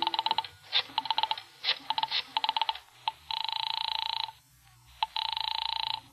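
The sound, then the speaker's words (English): A telephone number is dialed with several quick bursts of clicking pulses, followed by two long, steady ringing tones on the line. No one speaks. “I remembered there was a phone someplace too, and I found it and crawled over to it and started dialing my number.”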